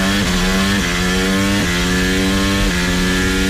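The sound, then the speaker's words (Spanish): A loud, high-pitched Formula 1 racing engine screams steadily on a street circuit through the city of Madrid, its whine dipping briefly several times like quick gear shifts before climbing again. No one speaks. “Coches por las calles de la ciudad. La Fórmula 1 en el circuito urbano que entusiasma a los aficionados y a la Comunidad de Madrid”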